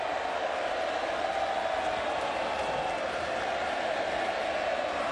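A large crowd at the AFL grand final applauds and cheers in a steady, unbroken roar that holds at an even, fairly loud level for the whole five seconds, with no single claps standing out.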